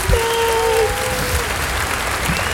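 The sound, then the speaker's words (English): Steady applause from an audience clapping for the performer's gay friends, dense and continuous throughout, with a brief whoop or cheer rising over the clapping near the start. “Clap it up for my gay friends who are amazing.”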